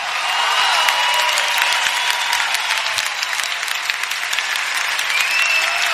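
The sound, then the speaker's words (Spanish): Steady audience applause for Mr. Álvaro Urquijo, many hands clapping in a dense, even roar for several seconds at a constant loud level, with no voices standing out. “Queremos pedir un aplauso.”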